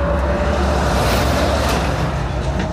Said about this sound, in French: T'as vu le camion, comment il est passé, là ?